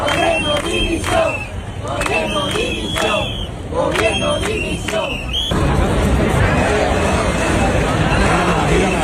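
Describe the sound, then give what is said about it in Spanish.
A large crowd at a demonstration in Andalusia, Spain, in support of the people of Ceuta chants slogans in loud rhythmic unison, voices rising in repeated bursts, then breaks into a dense roar of shouting, calls for resignation, insults and cheering over a steady wash of noise. “Solo con lemas de apoyo, como pueden escuchar, también con gritos de dimisión, con insultos en algún caso y con aplausos, como los de Córdoba, donde se manifestaron 23.000 cordobeses.”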